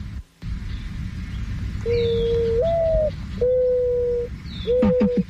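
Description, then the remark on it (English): Soft, hollow mourning dove coos, three drawn-out tones with the first rising slightly, heard clearly over a steady low background rumble, with faint higher chirps in between. “Let's listen to the mourning dove.”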